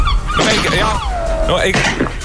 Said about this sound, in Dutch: Een meeuw? Dat is een meeuw, man.